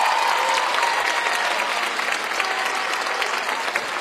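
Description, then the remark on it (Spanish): A concert audience claps steadily in dense, sustained applause for the performers and crew, a loud continuous wash of many hands with no pauses, filling the whole clip without speech. “Y también el aplauso es para mis compañeras y compañeros que están detrás y a los costados del escenario y delante del escenario haciendo un gran concierto.”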